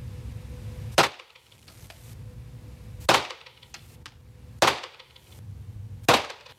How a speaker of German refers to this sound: Und apropos, wenn ich jetzt dann schieße, habe ich übrigens nicht so schnell geschossen, wie es sich anhört. Die Schüsse waren ein bisschen weiter auseinander.